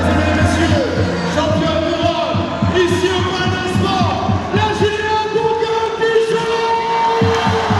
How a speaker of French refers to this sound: Sur ici.fr, ne manquez pas notre vidéo qui résume en images cette victoire, tout y est, hein, les pleurs d'émotion, les sourires, les cris de joie comme vous l'entendez.